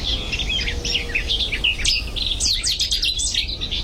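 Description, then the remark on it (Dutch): A Cetti's warbler sings loudly, a rapid burst of sharp, explosive notes tumbling over one another, with steady low background rumble and no voices. “koekoek weer en de City Star”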